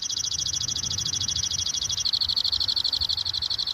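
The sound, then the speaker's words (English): A pinkish-fuchsia songbird with dark wings and exaggerated wing bars sings a fast, high-pitched trill of rapid repeated notes without pause, shifting slightly in tone midway, with a low rumble of background noise underneath. “He loves to sing, doesn't yeah, he? Yeah, he's singing hard right now.”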